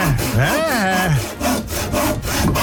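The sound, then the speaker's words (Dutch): A saw rasps through wood in steady back-and-forth strokes, fairly loud, with a rough scraping texture that repeats for a few seconds. “40 knopjes geprobeerd en daar is hij dan, de zaag.”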